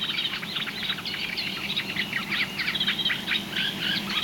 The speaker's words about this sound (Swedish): Det här är ju en våt mark i kant och lite vatten. Och det vi har lyssnat på är ju framförallt de här två rörsångarna. Men även gräsand och sothöna har vi hört.